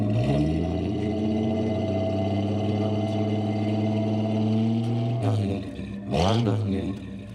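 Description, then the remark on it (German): A car's inline six-cylinder engine idles with a steady, deep rumble, then revs up sharply twice near the end before settling back down. “Soll ich mal anmachen?”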